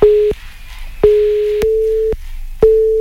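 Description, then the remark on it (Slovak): A phone busy signal from a blocked call: a steady mid-pitched electronic tone pulsing on and off in regular beeps, loud and clear with no voices. “Presne ten okamih, kedy zistil, že má zablokované čísla, ktoré jeho telefón nepozná.”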